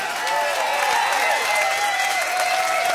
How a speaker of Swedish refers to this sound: Stor applåd för hela gänget. Fantastiskt!